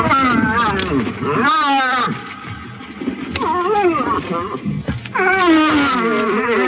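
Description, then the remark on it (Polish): A bull moose gives several drawn-out, moaning hoots in its rutting call, each rising and falling in pitch with a wavering, almost crying tone, loud, with short pauses between. “No ale buk, bukowisko, nie od buka, a od łosia. Ale to dlatego, że on buczy? Tak. Tak, to nie jest ryczenie.”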